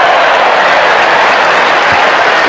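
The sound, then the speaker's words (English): A large baseball stadium crowd in Denver, Colorado, including several Cardinal fans, roars and applauds in a dense, steady wash of noise, loud and sustained throughout, with no individual voices standing out. “Pretty good crowd gathering here in Denver, Colorado.”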